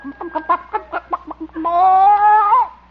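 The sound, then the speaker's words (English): A hen named Hortense, still sitting on her nest, gives a quick run of short, throaty clucks, then breaks into one longer, drawn-out squawk that wavers before fading. No voices are heard. “See, how about this nest? Oop. Hen's still sitting on it.”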